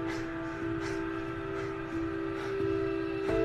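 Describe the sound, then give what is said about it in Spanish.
A train pulling out, with a steady droning hum and a regular series of clacks about once a second as the carriages roll along the track. No one speaks. “Su tren se va.”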